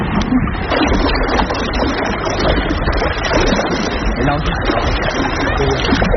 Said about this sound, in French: il n'y a que le bruit de l'eau, il n'y a pas tant le bruit du vent.